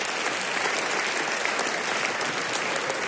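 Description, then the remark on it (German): A crowd applauds steadily, a dense wash of many hands clapping at an even, sustained level for a few seconds with no voices standing out. “Kleiner Applaus für euch selbst an der Stelle.”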